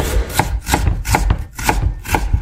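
A knife chops garlic or onion on a cutting board in a steady rhythm of sharp, crisp taps, roughly two or three per second. No one speaks.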